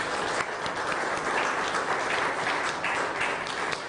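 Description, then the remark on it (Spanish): A crowd applauds steadily for several seconds in honor of martyrs, a dense wash of many hands clapping at once, fairly loud and sustained without any voices over it. “Un aplauso a nuestros mártires.”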